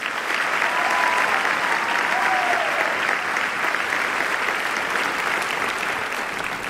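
Sustained audience applause, a dense steady wash of clapping at an even loudness for about seven seconds, with a faint whistle or cheer briefly rising above it early on.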